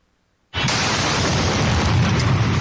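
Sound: bomb explosion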